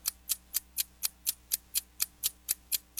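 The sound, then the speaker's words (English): A quiz game timer ticks in a fast, steady rhythm, about four crisp clicks per second, loud with no voices over it. “All right, start the clock.”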